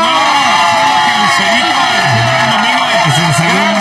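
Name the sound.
audience applause and cheering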